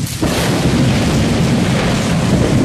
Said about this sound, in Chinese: 就在此时，忽然一道闪电，紧接着一声炸雷，从山顶看下去，整个雾蒙蒙的西湖都颤抖了起来。